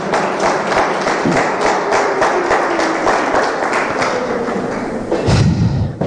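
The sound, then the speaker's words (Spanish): A crowd applauds the Lord steadily for several seconds, a dense, loud wash of many hands clapping, with a few heavier low thumps near the end. “Den un aplauso poderoso al Señor.”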